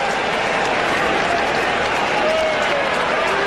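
A large crowd at a cricket match between South Australia and Western Australia applauds and cheers steadily throughout, a dense, continuous wash of clapping and roaring voices with no pauses, loud and enveloping from start to finish.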